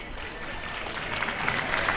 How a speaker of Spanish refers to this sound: Aplausos a modo de agradecimiento.